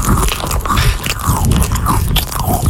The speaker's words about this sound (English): Not right now, but later on when you hear my producer munching Cheez-Its, be the sixth caller.